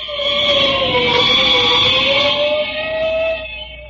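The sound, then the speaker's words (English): A fire engine siren wails steadily, its loud sustained tone rising and falling gently in pitch over a few seconds, with a rumbling background and no voices. “Sounds like a fire somewhere.”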